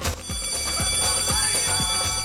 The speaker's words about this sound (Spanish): Acá en el primer campanazo, porque ya sonó el timbre acá en la escuela Gabriela Mistral.